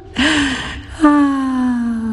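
Two sharp, audible inhales from a voice, each a breathy gasp with a voiced edge; the second comes about a second later and trails out longer than the first.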